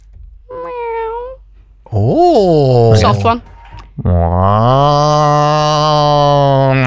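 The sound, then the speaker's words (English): A person imitates a tabby cat with three meows: a short soft one, a rising-and-falling mid one, then a long loud drawn-out yowl lasting about three seconds. “Everybody wants to hear your guys' tabby cat real quick. Go do your tabby cat.”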